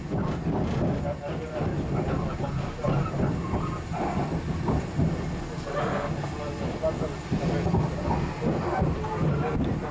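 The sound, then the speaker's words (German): An ETR 450 high-speed train runs steadily over the rails with a loud, continuous rumble, broken by a few short high-pitched squeals of its wheels on the track switches. “Ein wenig quietscht er schon auf den Weichen.”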